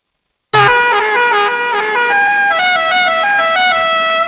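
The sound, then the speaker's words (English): A loud, musical novelty car horn blares a quick tune, its bright tones jumping between pitches in a jaunty pattern that lasts several seconds, unaccompanied by voices; the horn of Rodney Dangerfield's car pulling up to the country club in the film Caddyshack. “Rodney Dangerfield pulling up to the country club with that horn in Caddyshack.”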